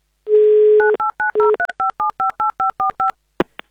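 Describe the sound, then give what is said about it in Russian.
A radio host places an on-air call to a contest listener in Moscow: a steady telephone dial tone gives way to a quick, even run of about a dozen beeping touch-tone keypresses dialing the number, ending with a couple of short clicks. No one speaks. “Ну, давайте прямо сейчас мы ему и позвоним.”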